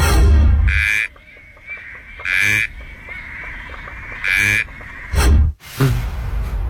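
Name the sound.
frog call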